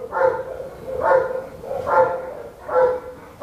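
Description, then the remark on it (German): Henry, a Belgian shepherd dog in a kennel at the Heppenheim animal shelter, barks four times in a steady rhythm, each bark fairly loud, with short pauses between and no one talking. “Das ist ein belgischer Schäferhund und die sind eigentlich für Polizei und Zoll und so.”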